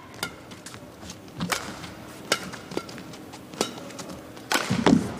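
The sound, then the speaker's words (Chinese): Sharp, percussive badminton racket hits on the shuttlecock ring out in a quick back-and-forth rally during a match, with one hard smash-like crack among several lighter strikes over a faint background. “杀一拍，”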